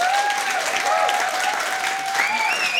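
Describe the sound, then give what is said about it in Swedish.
An audience at a Sveriges Radio P4 broadcast applauds a house music act in a steady, dense wash of clapping that holds at an even loudness throughout, with faint whistles rising above it. “En applåd för dem.”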